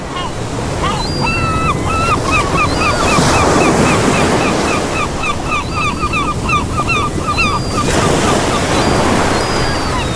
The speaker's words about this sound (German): Und falls Sie gerade auch irgendwo noch auf Arbeit sitzen und sich gerade denken, boah, jetzt schön am Strand oder am Meer liegen, das wäre doch was, da habe ich was für Sie. Für Sie die nächsten 10 Sekunden Meeresrauschen.